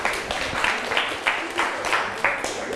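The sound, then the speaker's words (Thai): A group of students clapping together in a classroom for their classmates in group 2, a steady burst of overlapping hand claps with a loose, regular rhythm that pulses roughly every half second at moderate loudness. “นะคะนักเรียนเก่งมากเลยปรบมือให้เพื่อนกลุ่ม2หน่อย”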